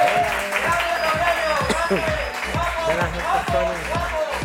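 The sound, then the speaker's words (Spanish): An audience applauds a guest being introduced, steadily and fairly loudly, dense clapping filling the whole stretch, with voices or cheering rising and falling over the top. “Bueno, un aplauso”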